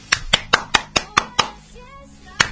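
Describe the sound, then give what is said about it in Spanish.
A rapid series of six sharp hand claps in an even rhythm, made to call at a house door instead of ringing the bell, then a short pause with a faint warbling tone in the background, and a single final clap. “¿Tocar timbre, golpear las manos?”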